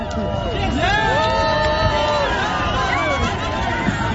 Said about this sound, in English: Toronto's annual Pride Parade was underway today, drawing crowds of partygoers as the city simultaneously basks in World Cup excitement. Now here's some of the crowd cheering as Prime Minister Mark Carney shook hands with people watching the parade.